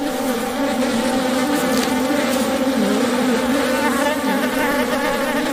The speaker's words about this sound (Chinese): 水豚已死去多日，湿地的高湿度加速了尸体腐烂的速度。一群苍蝇在尸体上进食产卵，之后卵会孵化为蛆虫。